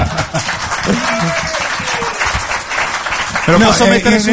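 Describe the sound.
A crowd applauds steadily, a dense crackle of many hands clapping at once, with voices shouting and talking over it and a louder swell of cheering near the end.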